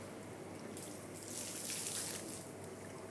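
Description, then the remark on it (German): An impatient octopus splashes water in its tank, a hissing, bubbly surge that swells for about a second and a half before settling back to a low steady wash. No one speaks. “Und ist auch als Wasserorgel einsetzbar.”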